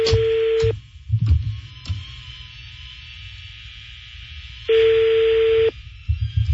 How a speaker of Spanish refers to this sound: Otra vez lo estoy marcando a. a la agencia de viajes Grama Traveling. Sonando el teléfono.